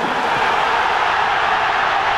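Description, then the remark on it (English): A large stadium crowd at an England versus Mexico football match roars as the referee awards Mexico a penalty, in a dense, steady wash of noise that holds at a constant, fairly loud level for about two seconds, with no distinct voices or speech standing out. “Couldn't hear what he said, but the reaction of the crowd tells you everything you need to know.”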